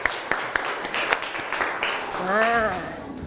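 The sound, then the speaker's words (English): A group of classroom students clapping their hands for their friends in loose, irregular claps that blend into a patter, with children's voices chattering and one voice calling out over the applause. “Okay, everyone, clap your hand for all your friends.”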